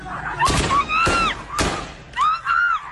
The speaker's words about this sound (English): Stop beating, this woman repeatedly screams. Stop beating.